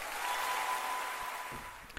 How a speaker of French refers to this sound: Avec la présentation du musicien, vous avez bien sûr deviné, et vous avez entendu également les applaudissements, que cet enregistrement avait eu lieu en public, effectivement, au Théâtre du Châtelet en 2016, plus précisément.